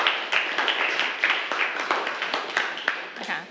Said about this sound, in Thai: ขอบคุณมากค่ะปรบมือให้เพื่อนก่อน